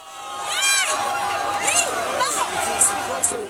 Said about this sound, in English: That's cheering from a crowd of several hundred Spaniards very early this morning. They were marking the end of the hard border with Gibraltar, the contested British territory at the south.